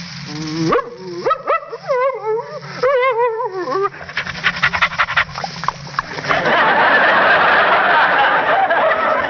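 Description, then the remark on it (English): A voice performer imitates a friendly dog, as called for in a script: eager high-pitched whines and yips, then quick rhythmic panting that grows into loud, breathy huffing, with no other talking. “in a script, I may be called upon to be a friendly dog like this.”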